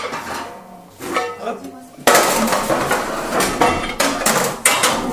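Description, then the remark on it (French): A heavy cast-iron oven part called the gueulard, the central piece of the oven, is set in place with metallic scraping, then a loud clank followed by several sharper knocks and rattles as it settles. “Et je vais mettre la pièce de fonte qui s'appelle le gueulard, qui est la pièce centrale de notre four.”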